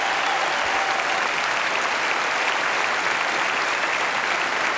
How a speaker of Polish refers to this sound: Oklaskują kibice.